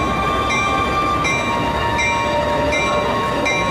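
A train bound for Nanjing, about to depart from the station, rumbles loudly and continuously, with a steady low drone, a faint tonal hum, and light rhythmic clacks recurring about once a second. No one speaks.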